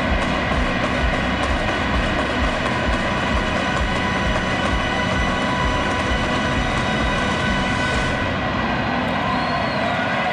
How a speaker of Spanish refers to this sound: con un espectáculo pirotécnico y la ovación que escuchan.